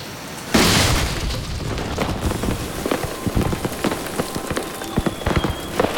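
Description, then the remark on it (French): A seed cannon fires with a sudden heavy boom, then a dense, sustained rush of crackling and pattering noise with scattered sharp pops trails on for several seconds. No one speaks. “J'ai assez de connaissances pour charger le canon à graines maintenant.”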